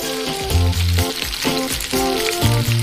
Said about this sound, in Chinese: 葱、姜、尖椒、芹菜、香菜、大料等食材全都放到锅里油炸，调料和蔬菜的香味留在了锅中，这一锅香喷喷的调料油将为鱼头增加调料香。